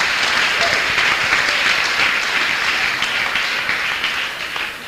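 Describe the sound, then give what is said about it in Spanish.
An audience applauds steadily, many hands clapping in a dense, continuous wash that stays loud before easing slightly at the end, with no talking over it. “Aplauda si quiere, hermano, pero cambie.”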